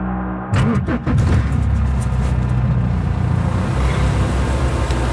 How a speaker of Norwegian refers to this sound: sitter i en svart leiebil og kjører ut på en firefelts motorvei. Her, ja. Vi i Libanon i Midtøsten.